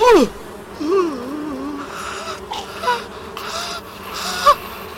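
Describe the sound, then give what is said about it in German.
Wasps buzz in a busy, droning swarm, the pitch wavering and swooping as they fly, with a sharper loud buzz near the end. “Wespen.”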